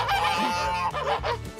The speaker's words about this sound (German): Na, Gänse.